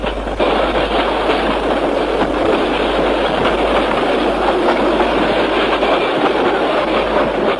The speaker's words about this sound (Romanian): Plecați de aici cu trenul ăsta, ce caut într-o emisiune de valsuri?